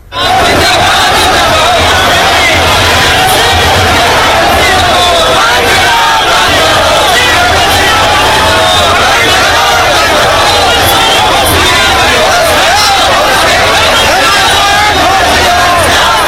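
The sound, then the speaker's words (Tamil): A large crowd of student protesters against a question paper leak in Jharkhand shouts and roars without pause at night, by firelight and mobile phone lights, on the sixth day of the protest; a dense, loud wall of overlapping voices and cries that stays steady for the whole stretch. “இரவிலும் நெருப்பு மூட்டியும் செல்பேசி விளக்குகள் வெளிச்சத்திலும் அவர்களது போராட்டம் நடைபெற்று வருகிறது.”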